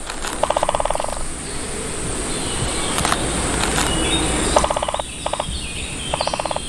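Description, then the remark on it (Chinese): A great spotted woodpecker hammers a pine trunk in the Canary Islands in quick bursts of rapid, evenly spaced taps: one longer run early, then several short volleys near the end, over a steady hiss of outdoor ambience. “借助强大而锋利的鸟喙，大斑啄木鸟可以在树干上熟练地凿出深深的树洞。”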